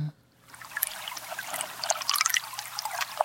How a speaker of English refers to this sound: This is at the estuary. So now we heard the waves on Lake Michigan. Now we're listening back to the Betsy Bay estuary. I mean, you can hear how different these are.